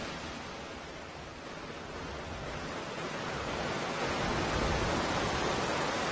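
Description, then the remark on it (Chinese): A rushing waterfall, where more than 60 brown bears gather to feed on salmon, roars in a steady, dense wash of white water, swelling slightly louder toward the end, with no voices or other distinct sounds. “60多只棕熊聚集到瀑布，来参加这一年一度的鱼肉盛宴。”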